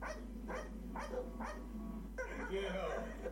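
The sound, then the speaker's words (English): Six dogs bark repeatedly: four evenly spaced sharp barks, then a denser burst of overlapping barking from several dogs, over a steady low hum. “Six dogs and he ain't going nowhere.”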